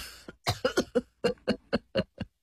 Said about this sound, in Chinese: 笑着咳嗽了两声，随意地耸了耸肩，表示随他去吧。